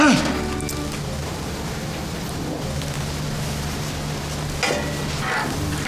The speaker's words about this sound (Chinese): 哦，那行，那你们切菜，我来炒就行了。